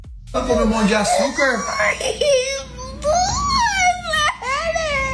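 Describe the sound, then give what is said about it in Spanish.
Children screaming and crying after being shown a fake sonogram on a TV screen claiming a worm is inside their stomachs, high-pitched wails that rise and fall in long, strained bursts, loud and continuous, with several young voices overlapping in distress. “Escucha los gritos que pegan los chamacos cuando le hacen esto.”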